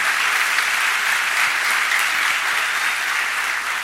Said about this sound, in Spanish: Demos un fuerte aplauso a Él.